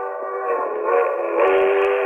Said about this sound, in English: A train. If I can make that train. It's a quarter mile along the edge of the field of the tracks.